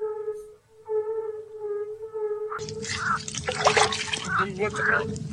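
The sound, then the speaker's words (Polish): A steady humming tone plays alone at first, then water starts pouring, a loud, splashy gush that continues to the end under the lingering hum. “Dolej wody.”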